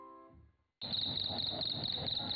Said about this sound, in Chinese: 小蟋蟀得意地摩擦起双翅，唱了起来。